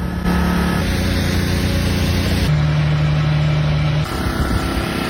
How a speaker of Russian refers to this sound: В итоге весь Крым живет на генераторах, и днем, и ночью слышен их мерный гул.